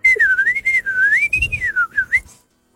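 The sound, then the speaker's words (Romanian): A person whistles a continuous, warbling melody, demonstrating how to whistle to talk to birds, the pitch rising and falling in smooth waves for a couple of seconds before stopping, with no talking. “ar putea să vă învețe pe toți cum să vorbiți cu păsările. Mara, ce avem de făcut? Trebuie să fluierați în modul acesta.”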